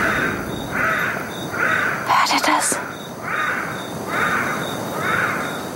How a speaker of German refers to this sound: Ja. Ist das ein Buschbaby? That's a Buschbaby. Das ist ein Buschbaby. Ja. Das hört sich ja wirklich wie Babygeschrei an. That right there was probably das war ihr bekanntester Ruf, der Kontaktruf.